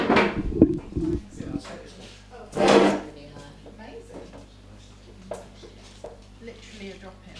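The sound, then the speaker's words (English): A chair is pulled up and shifted into place so someone can sit between the speakers, with a few short scrapes and knocks at first, then one louder scraping burst, while voices murmur faintly. “Pull a chair.”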